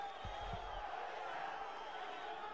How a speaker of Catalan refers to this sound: Continuen les esbroncades.